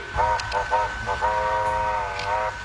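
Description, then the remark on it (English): A model steam locomotive running on a model railway layout gives several short toots from its whistle followed by one long sustained blast, clear over a low rumbling background. “That must have a nice steam to it, does it?”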